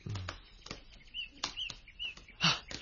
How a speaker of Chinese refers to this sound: 有一群乌鸦飞向树林嗰边噃。